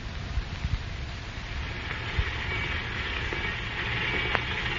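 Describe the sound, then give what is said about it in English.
A railroad locomotive, old No. 72, approaching: a broad, steady rumble and hiss that slowly builds in loudness, with a few low thuds early on and a brief high metallic squeal near the end. No voices. “All right, here she comes.”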